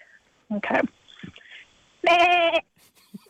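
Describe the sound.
A person in Canberra imitates a sheep with a loud, wavering bleat lasting about half a second, preceded by a shorter throaty burst and some faint background sounds.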